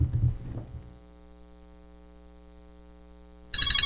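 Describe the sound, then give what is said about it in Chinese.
A steady electronic ringing tone holds for a few seconds, clear, from a phone receiving a long-distance video call from a daughter in Italy, after a brief muffled rumble and before a sudden burst of noise. “咦，老婆，个女用视像打长途电话翻嚟、啊。”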